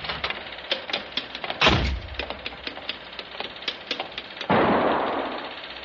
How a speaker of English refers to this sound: Hey, that was a gun. Who's there? Miss, did you hear a gunshot?